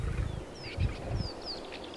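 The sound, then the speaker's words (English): Lion cubs growl in a few short, low rumbling bursts while thin bird chirps whistle faintly in the background. “And lion cubs are more troublesome than most.”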